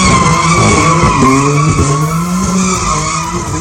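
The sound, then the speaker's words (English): A pink BMW does donuts in tight circles at an illegal car meet in a car park on Harbour Parade, Southampton, surrounded by crowds, in September 2024. Its tires squeal and skid continuously with a loud, wavering screech over a revving engine, sustained throughout. “A man caught on CCTV doing donuts in his pink BMW surrounded by crowds of people in Southampton has been jailed for 6 months.”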